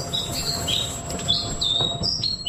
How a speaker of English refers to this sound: That is the song, the bird song of the Black Robin, which has been named Bird of the Year for the first time, which is very special. The bird is actually found in lowland coastal forests in the Chatham Islands